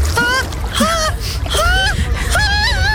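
A person gasps and lets out high, wavering whimpers and moans in short bursts while trying to get into the cold water of an outdoor swimming pool on a day well over 30 degrees, with faint splashing and a steady background murmur.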